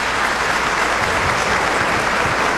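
A steady round of applause from a church audience greeting a 97-year-old man, dense clapping sustained at an even, fairly loud level throughout with no voices rising above it.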